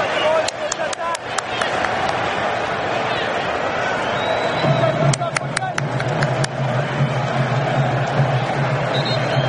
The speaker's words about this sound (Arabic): لكن لا تنسى الجمهور الإنجليزي الموجود اللي رفع من وتيرة حماس اللاعبين، هتافات لم تتوقف، تشجيع حماسي